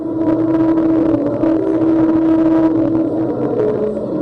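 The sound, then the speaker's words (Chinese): The tires of a convoy of cars roll over a grooved musical road near Dahongshan, producing a loud, steady droning tone that steps between pitches to form a slow melody over rumbling road noise. “通过实景展示现场，车队整齐驶入音乐公路，轮胎与路面发音刻槽精密和鸣，优美旋律清晰回荡在洪崖旷野之间。”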